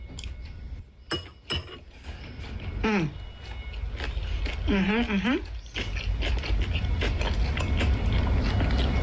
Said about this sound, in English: I am going to take a bite of my banaejeong bibimbap. Nice and well mixed. Egg, get some pork.